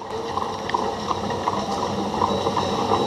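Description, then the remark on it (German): The Leipzig horse-drawn tram, the city's first tram from 1872, pulled by two horses, rolls along its rails with a steady rumble and grinding hiss, faint rhythmic knocks recurring throughout; no voices. “Das war damals die Leipziger Pferdestraßenbahn, also Straßenbahn gezogen von 2 PS.”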